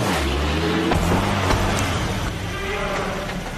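A truck engine starts and rumbles loudly and steadily, its low drone shifting pitch as it revs and the truck pulls away, with a faint voice-like murmur mixed in.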